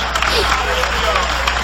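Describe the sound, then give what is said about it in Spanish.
An audience applauds steadily in praise of the Lamb of God, dense clapping filling the whole moment at an even, loud level, with a few raised voices and cheers mixed into the crowd noise. “aplauso de alabanza al Cordero de Dios.”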